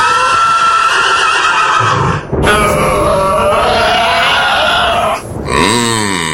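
The horse Pegasus, ridden by Perseus as he charges a sea dragon, neighs loudly and repeatedly: long shrill whinnies with snorting breaths between them, ending in a quavering descending whinny. No one speaks.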